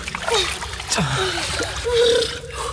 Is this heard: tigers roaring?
no